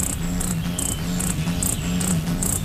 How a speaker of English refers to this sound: we have a sound to play here, Jim, a ruby-throated hummingbird's playful tune